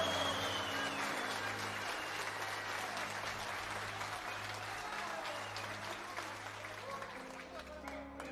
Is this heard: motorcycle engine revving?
no